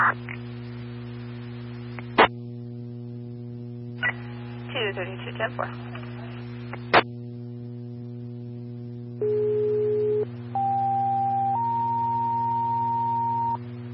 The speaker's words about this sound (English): Farmington Battalion 1, Engine 2, Engine 6, Letter 2, Staff, tones for a fire alarm at 5401 Hood Mesa Trail.